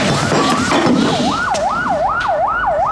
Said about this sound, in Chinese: 外面来好多警车。